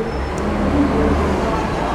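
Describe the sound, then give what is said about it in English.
Steady low rumble of street traffic with a bus droning at moderate loudness as it passes. The engine noise holds fairly constant throughout, with no talking. “Not like this bus.”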